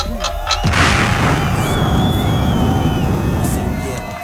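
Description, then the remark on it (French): A sudden loud explosion bursts in after a brief lull, then rolls on as a heavy, crackling rumble that stays strong for several seconds. “Une explosion en français.”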